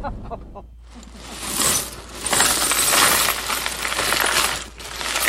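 Small pieces of found glass, including bits of cold cream jars, pill bottles, china plates and Depression-era green and pink glass, being sorted at home, with a steady stream of bright, high clinks and rattles. The clatter builds after a brief quiet start and stays busy and fairly loud.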